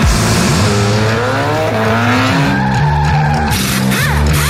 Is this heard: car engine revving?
yes